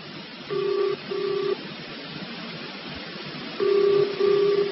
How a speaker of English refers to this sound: I'd better let it ring a bit longer. There's bound to be somebody there. I'm phoning the army. Come on, answer the blooming phone.